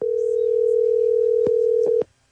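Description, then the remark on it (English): A steady, clear telephone dial tone from a phone hooked up to a studio board hums for about two seconds with a low background buzz and a few faint clicks, then cuts off abruptly. “You got your phone hooked up to the board.”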